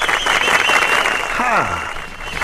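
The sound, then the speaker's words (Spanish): Steady, dense applause for a boy who has completed his sticker album fills the whole clip at an even, loud level, with a brief falling tone, like a voice or whistle sliding down in pitch, cutting through midway. “Ahí date aplauso.”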